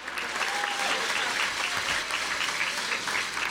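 Steady, dense applause from a crowd for the director general of the Board for the Protection and Conservation of Typical Zones of the State of Zacatecas, many hands clapping in a continuous crackling wash at an even level for a few seconds, with a faint whistle near the start.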